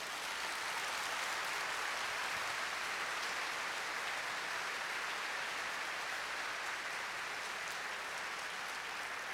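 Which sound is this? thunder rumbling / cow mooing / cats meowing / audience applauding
audience applauding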